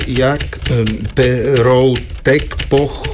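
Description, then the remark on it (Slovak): A manual typewriter clacks in quick, uneven bursts of keystrokes as a soldier's medical record is typed at army barracks, while a man's voice dictates slowly over the typing. “Píšte do zdravotnej karty.”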